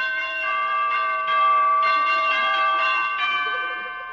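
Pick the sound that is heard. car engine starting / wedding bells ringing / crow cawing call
wedding bells ringing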